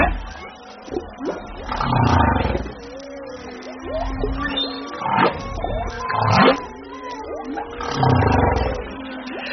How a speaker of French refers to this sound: Une baleine à bosse en direct sur France Culture, car nous parlons des émotions des cétacés avec Fabienne Delfour et Charlotte Curé.